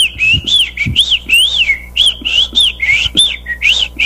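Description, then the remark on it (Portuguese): A person whistles an imitation of an ultramarine grosbeak's (azulão) song on the 98 FM radio programme, a bright run of warbling phrases with short rising and falling notes and brief pauses, heard on its own without talking. “Vai cantar o Azulão Voando Lá no Céu.”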